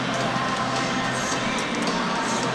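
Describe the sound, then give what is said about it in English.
A large Saturday night arena crowd keeps up a steady, dense roar of cheering and chatter throughout the first period of a game, loud and continuous with no breaks. “We had a nice Saturday night crowd on hand.”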